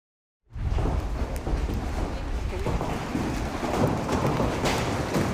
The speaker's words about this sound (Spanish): Y una intensa tormenta acompañada de granizo de gran tamaño sorprendió a los habitantes de Asunción, Paraguay. Mírelo.